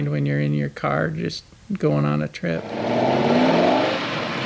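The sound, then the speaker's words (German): Someone talks for a few seconds, then a car engine roars loudly, its revving pitch climbing steadily as it accelerates. “Und dank TV-Serien von Dukes of Hazzard bis Starsky & Hutch hält die Faszination für das dröhnende Kulturgut bis heute an.”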